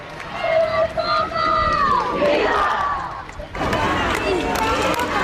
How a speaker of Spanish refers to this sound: y ha pasado el Papa, ¿no?, saludando por la ventana del coche. Se le veía bastante bien desde aquí, desde la catedral de la Almudena. La imagen era muy clara y, claro, han empezado todos a gritar y a cantar.